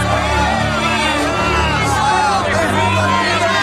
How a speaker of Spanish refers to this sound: Le respondieron a gritos. ¡Libera a Barrabás! ¡Suelta a Barrabás!